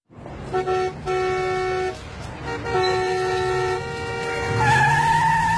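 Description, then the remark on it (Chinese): A car horn blares in repeated bursts at a driver cutting in, a steady harmonic tone cutting in and out, followed by the rising screech of tires skidding at the end. No one speaks. “哎，你怎么开车的呀？你怎么还加塞呢？”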